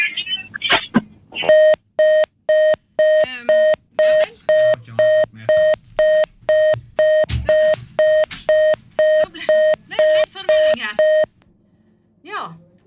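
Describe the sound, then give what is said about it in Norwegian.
A telephone disconnect tone beeps loudly and steadily after the caller's line drops, around eighteen even pulses in a row, while voices talk briefly over it before the line falls silent. “Det var et eller annet krøll med hinna sin linje også.”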